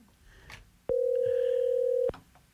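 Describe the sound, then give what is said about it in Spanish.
A telephone dial tone sounds as one steady, loud electronic hum lasting just over a second, starting and stopping abruptly against a quiet, faintly noisy background. “De repente se traba y de repente sí, re bien que marca y sale y todo, sale la llamada y todo, pero no.”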